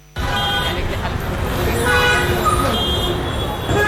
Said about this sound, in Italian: A Mumbai il traffico non fa da sfondo, ti viene addosso. Clacson continui, motorini che si infilano ovunque, autobus, voci, frenate.